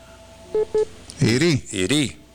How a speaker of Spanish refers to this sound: se te cayó la llamada,